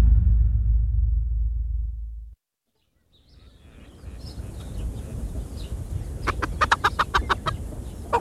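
Chickens cluck in a quick, clustered series of sharp calls over a steady noisy backdrop, following a low rumble that cuts off into a brief silence, as they are called over to feed on corn.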